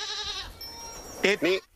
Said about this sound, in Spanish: Claro, si no es una oveja, es una cabra. La cabra. Se parece mucho, ¿eh? Pero es una cabra, además, con denominación de origen.